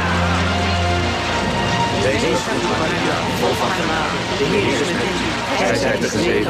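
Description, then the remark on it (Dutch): Heavy rain pours down steadily in a dense, hissing wash on a crowd of 70,000 people, with a murmur of voices mixed into the downpour throughout. “Op 13 oktober stroomden 70.000 mensen toe onder de gutsende regen.”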